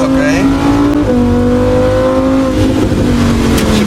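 A Lamborghini Huracan engine roars loudly, its pitch climbing under acceleration and then dropping with each gear change, a sustained, throaty drone throughout, as Polish champion Daniel Stawiarski drives it on a rally run on stock tyres.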